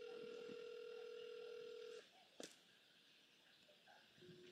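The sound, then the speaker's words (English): A steady electronic tone of an outgoing phone call hums for about two seconds, cuts off with a sharp click as the call is declined, and a short faint beep follows on a quiet line. No one speaks. “Girl answer your phone, man.”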